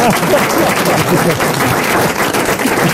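Steady audience applause on a TV show fills the whole stretch, a dense, even wash of many hands clapping at a loud, constant level with no pauses and no voices rising above it.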